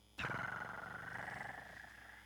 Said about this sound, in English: I hear my cat purr.